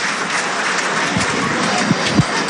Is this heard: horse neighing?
no